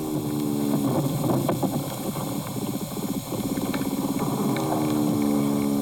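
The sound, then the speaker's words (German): Vibration sounds of a larger soil animal, not an earthworm, picked up via a needle: a steady, loud low buzzing and rasping with rapid rhythmic pulses and droning tones, continuing throughout with no talking. “Das ist jetzt eher ein größeres Bodentier, würde ich sagen.”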